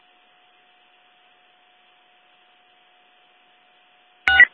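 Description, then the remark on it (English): Telephone test tones during a phone test: a faint, steady tone hums throughout a quiet stretch, then a brief, loud burst of electronic tone sounds right at the end. No one speaks. “I'm going to phone test.”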